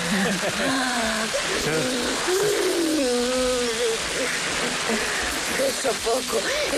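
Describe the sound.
A garden hose sprays water in a steady, loud hiss that sizzles like a deep fryer, continuing throughout while voices shout and call out over it, in a hot-night scene from the film La Ley del Deseo where Carmen Maura is sprayed with the hose.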